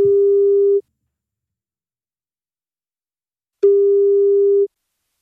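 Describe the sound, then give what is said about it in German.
A telephone ringback tone heard while a call is being placed to a mobile or landline in the Munich region: two long, steady beeps separated by a few seconds of silence, clear, with no talking. “wenn bei euch das Handy oder Festnetz klingelt, das könnten wir sein von Gong 96.3”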